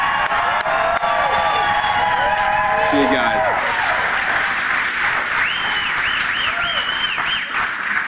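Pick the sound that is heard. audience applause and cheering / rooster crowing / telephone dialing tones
audience applause and cheering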